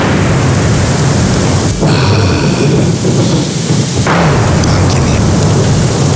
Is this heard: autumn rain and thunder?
yes